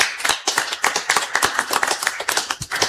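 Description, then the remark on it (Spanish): Dense audience applause, many hands clapping in a fast, irregular patter that stays steady and fairly loud throughout, with no voices standing out. “que ya fuerte los aplausos nuevamente”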